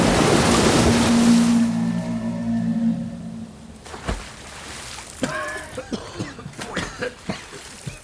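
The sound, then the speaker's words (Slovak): A loud, dense roar of a huge wave of rushing black river water, sweeping along trees and rocks, fills the first few seconds, then drops away to a quieter wash broken by a series of short, squealing tonal cries. “Čierna voda hučí ako stádo divých zubrov. Strháva stromy aj skaly.”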